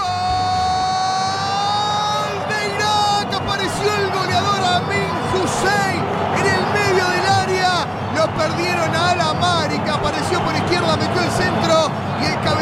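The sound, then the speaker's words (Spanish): A crowd erupts in loud, sustained shouting and cheering for a goal, many voices rising and falling together in a dense, continuous roar after a brief held tone at the start. “Sí, escuché un grito de gol.”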